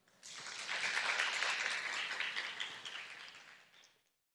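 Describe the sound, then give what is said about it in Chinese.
At an opening ceremony, an audience bursts into applause to thank Master Yuande and all the attending guests for their teaching and blessings, a dense crackle of many hands clapping that holds steady for several seconds before tapering off and stopping. No voices are heard. “让我们再次以最热烈的掌声感谢圆德法师与所有与会贵宾的开示与祝福。”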